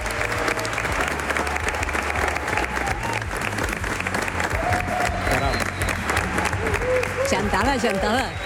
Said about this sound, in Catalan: Avui tenim aquí una representació d'oients del Tot Costa, així que abans d'arrencar, abans d'entrar en matèria, va, que se us senti una mica. Un aplaudiment, home.